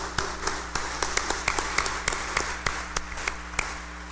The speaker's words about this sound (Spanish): démosle un fuerte aplauso a ella